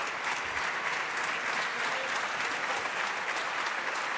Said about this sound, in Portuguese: Os aplausos são do PSD. Aplaudir as respostas de Luís Montenegro a André Ventura.